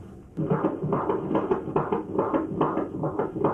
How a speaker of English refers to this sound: Every couple of weeks, I have to go get my checkup. We're going to listen to the heartbeat now.